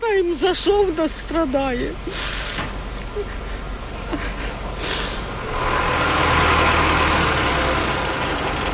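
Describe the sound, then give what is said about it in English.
A heavy fire truck engine idles and rumbles while firemen winch a mangled car off a street in Kyiv, Ukraine, with sharp hissing bursts of air and a rising mechanical drone; a voice is heard briefly at the start. “And as firemen winched her mangled car off the street, dust and anxiety remained in the air.”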